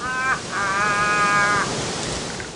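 A crow caws twice, a short harsh call followed by a long, drawn-out caw, loud over a steady hiss of background noise, with no one speaking.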